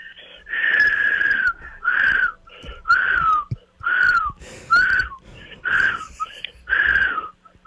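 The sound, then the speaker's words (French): A person whistles in a string of about eight short, breathy notes, each wavering slightly in pitch, with airy hiss around the tones and brief pauses between them. “C'est du sifflage de haute catégorie.”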